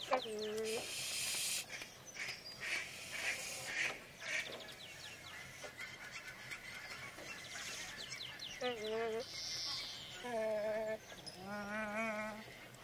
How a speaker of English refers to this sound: Behind me, from BBC Sound Effects Library 6, Nene, the Hawaiian goose.